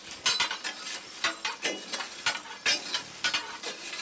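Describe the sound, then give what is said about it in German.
A steady hiss of escaping steam runs throughout, broken by irregular metallic clatters and ticks from a rattling drain valve on a steam locomotive. No one speaks. “die Entwässerungsventil klappert da vor sich hin und irgendwas rauscht immer, irgendwas zischt”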